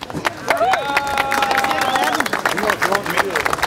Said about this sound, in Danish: Jo, der bliver klappet.